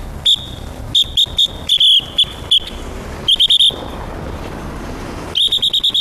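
A traffic police whistle sounds in short, sharp blasts, some single and some in quick clusters, ending in a rapid run of chirpy, birdlike toots over a low street and traffic rumble, blown by an auxiliary traffic officer of the Jiaxing traffic police directing traffic at an intersection.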